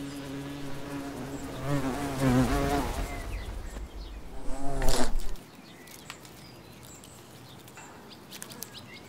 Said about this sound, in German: Einen ganzen Tag lang schleppt sie kleine Stöckchen durch die Gegend. Am Ende ist eine Art Zelt entstanden, das wie ein Tipi über dem Schneckenhaus steht. Über 100 Stöckchen fliegt die Bienenmutter ein, aus bis zu 30 Metern Entfernung.